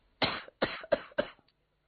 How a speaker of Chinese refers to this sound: 老爷子咳嗽几声